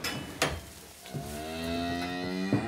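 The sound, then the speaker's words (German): An aged mother cow named Kulina gives one long, low, drawn-out moo with a steady droning tone, preceded by a couple of short knocks or thumps, at the stable gate of a farm in Seesen in the Harz foreland, Germany, as she is loaded onto a trailer to return to pasture. No one speaks. “Die betagte Mutterkuh ist ein wenig zögerlich.”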